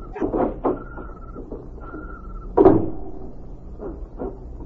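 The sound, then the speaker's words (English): A heavy small side door of a silo creaks and clunks open in the dark, with a faint squeal of hinges, a loud thump partway through, and a few softer knocks afterward. No one speaks. “Here's the door.”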